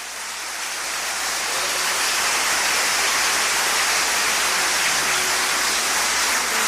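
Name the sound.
audience applause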